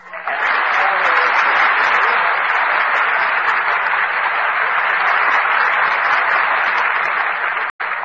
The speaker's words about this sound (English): I just start applauding myself when I'm finished, like this. Oh, now I get it.